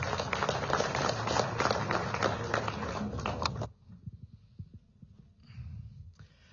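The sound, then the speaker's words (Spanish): A crowd claps loudly in a dense, steady burst of applause for a few seconds to welcome Limber Cosío, mayor of Puerto Villarroel and president of the Mancomunidad de Municipios del Trópico de Cochabamba, then it cuts off abruptly, leaving only faint scattered sounds and low murmuring. “Recibamos con ese fuerte aplauso al hermano Limber Cosío.”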